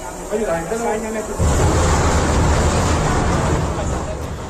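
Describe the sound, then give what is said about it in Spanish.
Voices murmur briefly, then an explosion in a metro carriage on Line 1 of the Caracas metro, September 2021, cuts in with a sudden loud burst. A dense, sustained roar and crowd babble follow for several seconds without letting up. “Se había producido una explosión en un vagón de metro en la estación de Los Dos Caminos.”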